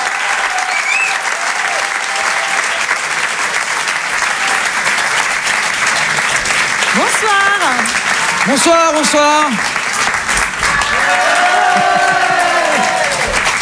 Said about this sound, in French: Je vous demande de les encourager, de les applaudir très fort.